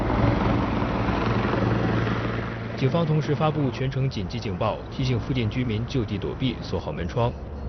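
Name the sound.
police helicopter hovering overhead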